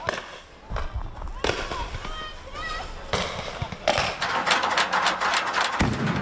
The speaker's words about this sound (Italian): Continuano a lanciare bombe carta e razzi, anche con mortai ricavati da tubi.